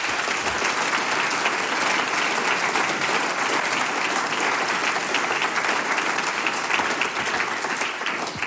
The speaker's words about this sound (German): Bitte um einen großen Applaus auch für unser heutiges Sump-Team.